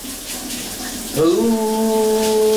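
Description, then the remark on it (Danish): A shower runs in the morning with a steady hiss of falling water; about halfway through, a man's voice joins in, singing a long sustained note over the spray as he sings a 1985 pop hit in the shower. “Kunne du godt høre, hvad det var, min kollega han havde gang i bruseren her til morgen?”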